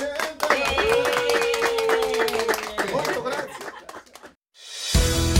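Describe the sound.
A crowd applauds with dense, steady clapping and raised voices cheering over it for about four seconds, then it cuts off abruptly, followed by a short burst of a different, louder sound.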